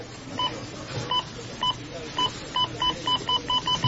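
A string of about eleven short electronic checkout beeps at a cash register in a Rona store, sparse at first and then quickening into a rapid run, sharp over a low background hum.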